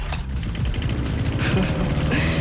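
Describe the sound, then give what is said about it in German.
A small petrol lawnmower engine, used as the SWR 4 radio summer sound, runs steadily, a loud, rough low-pitched putter with a rapid pulsing rhythm and a slight rise in revs partway through. “Hören Sie diesen Rasenmäher bei uns, dann rufen Sie einfach schnell an.”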